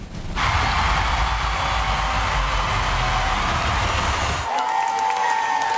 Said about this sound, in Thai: เขาบอกว่าเสียงปรบมือดังกึกก้องกันทั่วทั้งหอทีเดียวไปชมภาพบรรยากาศกันครับ